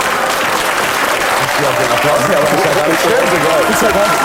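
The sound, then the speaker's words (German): Sustained audience applause, a dense steady wash of many hands clapping, with voices faintly mixed in underneath. “so viel Applaus gratis kriegt man normalerweise gar nicht, ohne dass man irgendwas tut”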